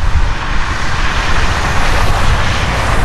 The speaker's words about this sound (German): Ja, das ist leider nicht das Meer, sondern die Straße.